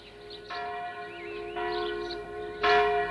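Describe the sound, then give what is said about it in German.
A village church bell rings three times at a steady, unhurried pace, each stroke ringing out with long sustained harmonic overtones, the last one loudest, with no voices. “Das ist die Glocke der Dorfkirche.”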